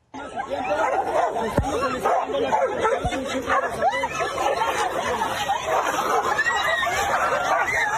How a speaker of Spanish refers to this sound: Lo que debería haber sido un tranquilo recorrido de la presidenta Claudia Sheinbaum en Acapulco terminó con una batalla entre dos perros callejeros, obligando a varios asistentes a alejarse para evitar quedar atrapados en la riña.